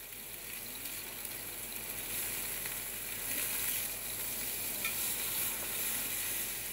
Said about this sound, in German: Kurz anbraten in heißem Öl.